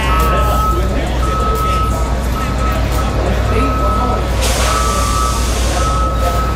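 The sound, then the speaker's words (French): The Freedom Truck, a semi-trailer mobile museum covered in patriotic images, on the National Mall in Washington, rumbles loudly and steadily, its heavy engine drone joined by a high, repeating reversing beep that sounds in long stretches. “Un camion semi-remorque attire les regards au cœur de Washington.”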